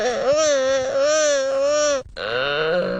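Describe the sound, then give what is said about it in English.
Gelada monkey calls: a loud, drawn-out wavering wail, rich and nasal, resembling a pained cry, breaks off briefly after two seconds and then resumes with a shorter, rising call. “To be fair, the gelada monkeys sound really weird.”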